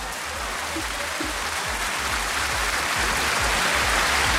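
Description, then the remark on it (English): Steady, dense clapping for a quiz winner who answered a question correctly, a loud, continuous patter of many hands without pause or distinct individual claps, and no one speaks over it. “Clap for yourself.”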